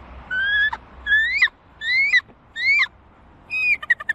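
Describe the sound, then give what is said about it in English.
A person imitates a bald eagle's call for the Atlanta Hawks' NBA schedule reveal: five high, thin whistled squeals, each rising and breaking off sharply, then a quick burst of chittering notes, clear. “Bald eagle.”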